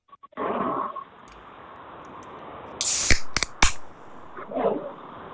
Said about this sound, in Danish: Der er 5 dåser foran mig. Jeg åbner dem en af gangen. Du skal sådan set bare fortælle mig, om der er øl eller sodavand i ud fra lyden. Vi kaster os over den første her.